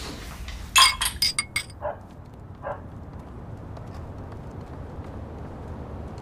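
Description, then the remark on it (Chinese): Glasses clink together in a quick flurry of bright, ringing taps during a toast to understanding, followed by a couple of softer clinks, over a low background murmur with no clear speech. “来来，大哥， 为理解万岁。干杯， 干杯。”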